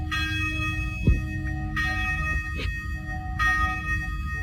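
A large church bell in Varna, Bulgaria, rung by hand by pulling a rope, tolls three times at a steady, unhurried pace, each strike rich with ringing overtones that hum on between blows, with a faint low rumble underneath.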